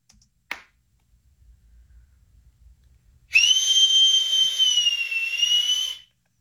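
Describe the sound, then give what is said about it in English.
A single sharp hand clap rings out as a signal, like a director's clapboard, followed after a short pause by a loud, steady high-pitched whistle held for about three seconds, with no talking. “Or you just want to go right to the whistle? No, do the clap. The clap's fun.”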